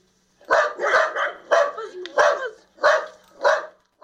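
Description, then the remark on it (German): A small wire-haired dachshund barks repeatedly, roughly six or seven sharp barks in an uneven rhythm, some coming in quick pairs, fairly loud against a quiet background. “Ich habe mir einen Hund angeschafft. Einen kleinen, niedlichen und kampflustigen Rauhaardackel.”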